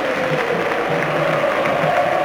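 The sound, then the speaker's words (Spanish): A large stadium crowd at a football match applauds steadily as striker Guido Carrillo is substituted off for Adolfo Gaich, a dense, even wash of clapping with a low murmur of voices and faint cheering beneath it, sustained throughout without pauses. “Tremendo el aplauso hacia Guido Carrillo, que se ha errado un gol insólito.”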